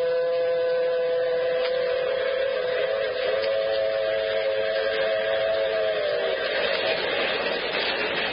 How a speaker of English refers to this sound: Yes, and the train. The shiny metal serpent racing across the flatlands of the southwest. Jenny and I were aboard the Blue Comet headed home from California.